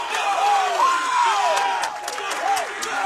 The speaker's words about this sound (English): That sets off the raucous Gale crowd behind me. Three up. Three down, baby. Let's go.